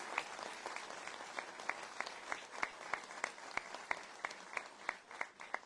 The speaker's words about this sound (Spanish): Denle un fuerte aplauso. Y que se escuche fuerte. ¡Viva la Virgen del Carmen! ¡Viva! ¡Viva la Reina de Chile! ¡Viva! ¡Viva nuestra patrona! ¡Viva! Un fuerte aplauso a María Santísima.